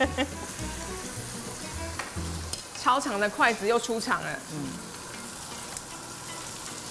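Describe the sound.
Five or six pieces of tofu skin pan-fry in a little hot goose fat, a steady, continuous crackle and hiss that runs throughout, with a person speaking briefly over it partway through.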